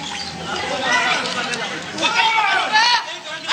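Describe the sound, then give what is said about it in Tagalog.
A crowd in commotion with pushing and shouting as Senator Estrada goes to the clerk of court of the Sandiganbayan 2nd Division: many voices talking and calling out over one another in a dense, steady babble, with a few raised voices cutting through now and then. “Bago makapasok sa clerk of court ng 2nd Division, nagkaroon ng kaguluhan kung saan nagkaroon ng tulakan at sigawan.”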